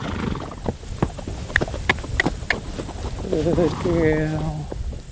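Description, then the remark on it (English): Hooves of wild Kaimanawa horses clip-clop in a quick, uneven run of sharp knocks, then a horse lets out a loud, wavering whinny near the end, with faint outdoor background noise throughout. Sixteen wild horses from the April muster, about three weeks into training, on a foggy morning among rolling hills with geothermal steam. “So we've got 16 wild Kaimanawas from the April muster, and they're about 3 weeks into their training.”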